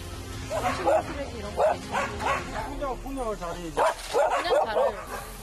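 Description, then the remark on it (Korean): Several dogs tied to trees around a junk-strewn site in the mountains bark repeatedly in short, overlapping bursts, some yipping and high-pitched, forming an irregular, fairly loud chorus that continues throughout. “근데 아니, 여기저기 나무에 묶여 있는 개들이 눈에 들어왔는데요.”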